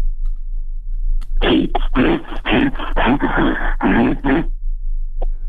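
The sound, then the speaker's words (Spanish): A person voices a loud, rough growl, imitating an angry bear, lasting about three seconds in choppy, breathy surges before cutting off, with no talking around it. “Pues mira, no sé si se parezca a oso, pero animal sí pareces.”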